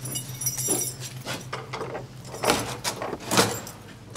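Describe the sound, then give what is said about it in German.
Keys jingle and a door's locking system clicks and turns, a few sharp metallic clacks with brief rattles between them, over a low steady hum. “Schließanlage funktioniert einwandfrei.”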